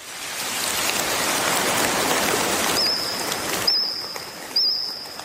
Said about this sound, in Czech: Mezinárodní tým vědců zrekonstruoval zvuky jurského hmyzu, tedy prapříbuzných našich kobylek a cvrčků. Jurský cvrkot podle nové studie mohl znít takhle.